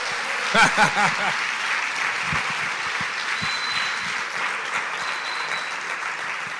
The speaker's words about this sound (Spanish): Ah, si va a aplaudir, aplauda bien.